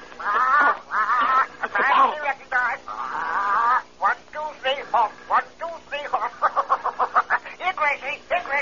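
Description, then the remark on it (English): A parrot gives its warning signal when somebody comes near a cave on an island, squawking loudly in a long run of harsh, nasal calls. The calls build into a quick burst of rapid, repeated squawks toward the end. “That's the signal the parrot always gives when somebody comes near.”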